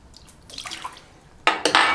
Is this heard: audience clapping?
no